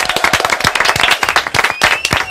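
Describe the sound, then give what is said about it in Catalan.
Loud applause from a group, a dense burst of many hands clapping in rapid, overlapping rhythm that stays steady and strong throughout, with no talking over it. “Fort aplaudiment.”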